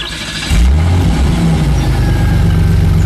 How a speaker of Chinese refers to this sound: 汽车远去之后，陈延年兄弟还久久看着自己手中的沾满泥浆的烧饼。